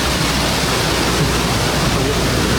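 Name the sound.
rushing stream water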